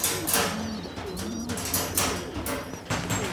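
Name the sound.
pigeons cooing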